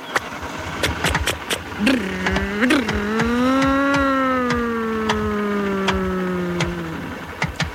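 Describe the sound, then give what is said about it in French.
A car engine catches with two short revving bursts, then settles into a steady droning hum that sinks slightly in pitch as it pulls away, with sharp clicks scattered throughout. “La voiture démarre.”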